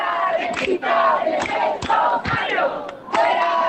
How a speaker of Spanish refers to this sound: Al grito de fuera rentistas de nuestros barrios, la manifestación partió de Plaza Nueva hasta llegar al Palacio de Congresos